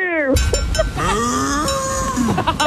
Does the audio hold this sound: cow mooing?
yes